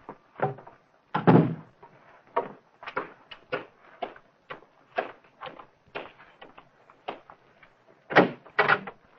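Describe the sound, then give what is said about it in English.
A door being opened and shut, with a busy run of knocks, rattles and thuds at an uneven pace, ending in two louder bangs; no voices. “Close that door”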